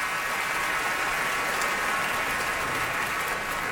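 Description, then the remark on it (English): A large opera audience applauds and cheers in a dense, steady roar of clapping that holds at an even, fairly loud level throughout, with no speech over it, as the singers curtsy and bow. “She's in a gown of icy blue, her hair down, Calaf looking the warrior, in gray and brown, and they're curtsying and bowing to this cheering crowd.”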